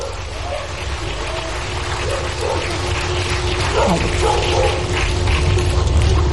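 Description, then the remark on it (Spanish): A small dog barks a few scattered times, fairly faint, over a steady rumble of crowd and background noise at an official public event in Mexico, as a message from the country's president is announced. “El perrito también quiere participar.”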